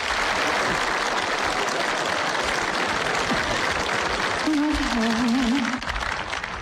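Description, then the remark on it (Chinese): An audience claps steadily and densely for several seconds, the applause staying loud throughout, with a brief wavering vocal cheer rising over it near the end, as the actors Zhao Benshan, Fan Wei and Wang Wei are welcomed to perform a comedy sketch. “这是一段小品，由赵本山、范伟和王威早年合作的一段城市打工妹，咱们掌声请上这三位演员。”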